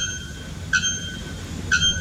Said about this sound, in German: Der Nacktkehl-Glockenvogel und der Rotfuß-Serima flöten mit über 120 Dezibel. Ja. Das ist lauter als eine laufende Kettensäge oder ein Presslufthammer. Flöten ist relativ, also so hört sich das Ganze an.